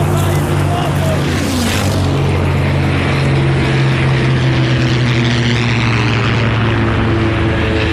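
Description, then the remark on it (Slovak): A propeller aircraft engine drones steadily and loudly in flight, a deep constant throb with a brief rushing swell early on, continuing unbroken, as the plane turns to find a landing spot marked by signal fires. “Vidím pod sebou vracajúce sa lietadlá a signálne ohnie, ktoré nám ukazujú, kde máme pristáť.”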